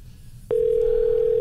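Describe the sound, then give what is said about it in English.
A steady, single-pitched telephone tone of an outgoing phone call that nobody answers starts abruptly partway through and holds unbroken at a clear, fairly loud level over a faint low background hum, with no one picking up or speaking. “Nobody answers the phone anymore.”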